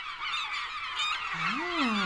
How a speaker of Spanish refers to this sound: No sé si hacen tanto ruido, pero puede ser, ¿eh? Yo creo que cuando hay muchas, muchas seguidas, seguro que sí, porque son un poco grandes estas aves, ¿eh? Sí, más o menos. Pero estas parecen gaviotas.